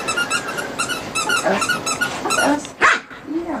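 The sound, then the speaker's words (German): A squeaky ball squeaks in rapid repeated bursts as it is thrown across the lawn of a terraced-house garden in Wiesbaden-Bierstadt and a female dog repeatedly chases and fetches it, with a sharp bark or yelp near the end and soft rustling in the background. “Ein Quietscheball fliegt über den Rasen eines Reihenhausgartens in Wiesbaden-Bierstadt.”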